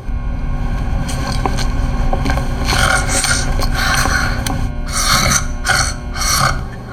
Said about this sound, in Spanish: Está dormida. ¿Ronca? Sí. Déjeme escuchar.